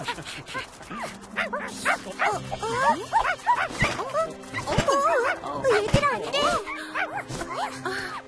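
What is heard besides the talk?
puppies barking and yipping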